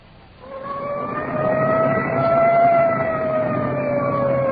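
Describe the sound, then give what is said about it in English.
A Culver City, California police car siren wails steadily as it clears a path through traffic on the way to a crash scene, its harmonic tones rising slightly and holding as it grows louder over a low rumble of engine and traffic noise, with no voices. “Arriving at the scene of the crash, siren clearing a path through the traffic.”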